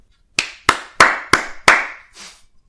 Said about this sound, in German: Und ich finde, das ist schon einen Applaus wert. Also, jetzt alle mal klatschen.